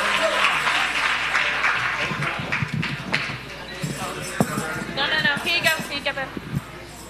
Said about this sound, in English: Wait a minute. Let's not get stingy with the claps. Let's go.